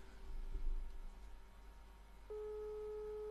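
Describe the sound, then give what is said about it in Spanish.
A telephone ringback tone over a quiet line as a radio program calls a senator: after a moment of low background noise, one steady, clear electronic tone begins and holds to the end, with no one answering. “Atiende el teléfono.”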